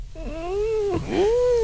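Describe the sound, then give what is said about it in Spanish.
Two drawn-out, meow-like cries, a person imitating a cat as a clue in a quiz game. Each rises and then falls in pitch, fairly loud, with a low rumble underneath and no talking. “Hace este ruidillo como de gato, sí.”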